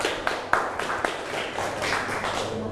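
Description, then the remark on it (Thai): A group of children claps together for a few seconds for their classmates in group 2, a dense patter of overlapping hand claps with a few sharper, louder slaps standing out. No one speaks. “เก่งมากกลุ่ม2นะคะปรบมือให้เพื่อน”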